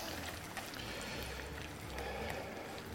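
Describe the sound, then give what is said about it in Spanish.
Broad beans are added to a pan of hot oil and fry with a steady sizzle, a dense crackling hiss that stays even throughout with no voices over it. “Voy a poner ya también directamente las habitas.”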